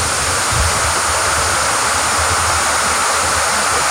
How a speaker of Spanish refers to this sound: Verdadero diluvio, ¿eh? Oye, impresionante, ¿eh? Verdadero diluvio.